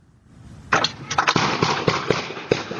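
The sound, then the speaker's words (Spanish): A rapid, irregular burst of gunshots, roughly half a dozen sharp cracks over two seconds, recorded outdoors by a house's entrance camera in the state of Maine during a shooting involving ICE agents, with a harsh, echoing wash between shots and no voices. “Las imágenes y el sonido fueron captados por la cámara de entrada de una casa. Se trata de los balazos que involucran a agentes de ICE y terminaron con la vida de un hombre en el estado de Maine.”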